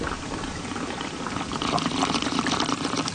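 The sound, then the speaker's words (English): Water pours steadily into a cup packed with ice to top off a blue raspberry drink, a bright bubbling splash with faint crackles, growing a little louder as the cup fills, with no talking. “I'll top it off with water.”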